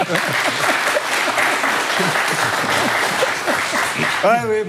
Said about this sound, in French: Au moins applaudissez-moi quand je m'en vais.